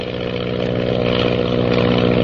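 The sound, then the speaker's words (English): A steady, droning aircraft engine roar with strong low harmonic bands holds a constant loud level throughout, with no voices or breaks, as the plane bearing a purple triangle heads northward. “the ship bearing the mysterious purple triangle roars on its way northward.”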